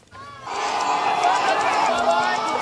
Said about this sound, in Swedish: Kinesiska studenter springer ut efter två dagar av hårda examinationer i en video publicerad av den statliga kinesiska nyhetsbyrån Xinhua